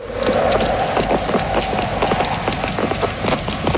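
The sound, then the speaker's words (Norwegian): Hard-soled shoes clack on the pavement of a square in Malmö as people walk across it, a quick, uneven stream of sharp clicks, several people's footsteps overlapping, with a steady murmur of background noise underneath. “Hør på de skoene her da. Ja. Det er som å høre steppesko på asfalt.”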